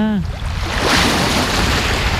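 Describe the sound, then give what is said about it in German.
Beach ambience in Trondheim, Norway, with a steady, loud wash of waves and a low rumble of an approaching excursion ship, as the sun comes out. A brief tonal voice snippet cuts off right at the start. “wir sind jetzt am Strand, riechen das Salz und sehen ein Schiff kommen.”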